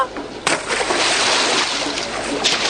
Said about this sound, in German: Um Gottes Willen, das Kind ist ins Wasser gefallen.